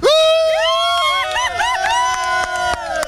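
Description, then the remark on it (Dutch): A crowd of spectators on a grandstand cheers and shouts loudly, many high voices overlapping in whoops and yells, with a few sharp claps or bangs cutting through. “Ja, dat gejuich wil ik nog wel een keer horen.”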